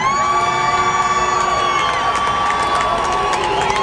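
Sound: concert crowd booing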